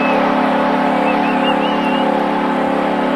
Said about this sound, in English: The Sharks are out of time, and listen to the crowd here in Country Music Capital City. It's down to nothing.